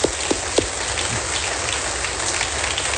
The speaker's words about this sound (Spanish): Un aplauso al Señor.